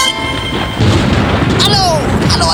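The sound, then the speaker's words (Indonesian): A loud thunderclap bursts in suddenly and rolls on as a heavy, rumbling crash that fills the rest of the moment. “Aduh, gede banget tuh petir.”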